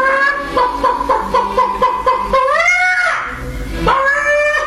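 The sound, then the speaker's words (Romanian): A voice mimics a hen cackling as it jumps off its nest: a rapid series of short, pulsing clucks, then a rising, drawn-out squawk and a final loud burst, fairly loud with no other talk. “Găina sare peste poartă, trece iute pe lângă babă, se pune pe cuibar și după vreun ceas de ședere sare de pe cuibar cotcodăcind.”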